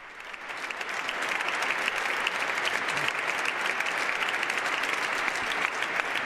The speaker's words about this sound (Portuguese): Os aplausos para Leão XIV, que agora faz então a saudação inicial.